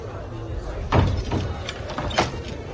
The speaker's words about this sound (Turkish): Ardından Resulullah Kabe'ye girdi. Üsame bin Zeyd, Bilal ve Osman bin Talha da beraberinde girdiler. Kapı kapandı.